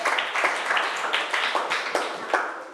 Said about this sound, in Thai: ปรบมือให้กลุ่ม4ค่ะเก่งมาก